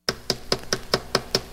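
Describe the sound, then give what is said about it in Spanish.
Someone raps on a house door eight times in a quick, steady rhythm, each knock sharp, with no voices around it. “Si tocan la puerta de tu casa y te preguntan qué radio escuchas, responde para ganar”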